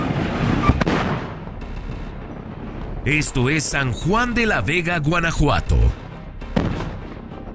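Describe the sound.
Loud, sharp firecracker blasts from the yearly 'truenos' (thunder) celebration for the patron saint San Juanito in San Juan de la Vega, Guanajuato, Mexico, go off irregularly. A couple come at the start and more near the end, with rumbling crowd noise and a voice speaking between the bangs.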